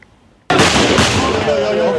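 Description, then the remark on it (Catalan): Police fire shots into the air at the gates of the Loma Colmenar migrant reception centre in Ceuta, where hundreds of migrants wait: after a moment of quiet, a sudden loud gunshot cracks out, followed by a second bang about half a second later, over a sustained roar of crowd noise and raised voices. “La policia s'ha vist obligada a disparar a l'aire este dilluns per a evitar aldarulls a les portes del centre d'acollida Loma Colmenar de Ceuta.”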